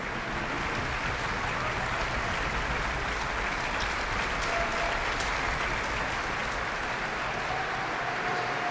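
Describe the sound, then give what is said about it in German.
A large audience in the St. Georgenkirche in Wismar applauds the soloists of the NDR Elbphilharmonie Orchester at the closing concert of the Festspiele Mecklenburg-Vorpommern, with dense, even clapping that stays at the same loudness for the whole stretch and no voices rising above it. “Beifall für die einzelnen Orchestersolistinnen und Solisten, zum Beispiel für den Konzertmeister David Radzinski, der das herrliche Geigensolo im Langsamsatz gespielt hat.”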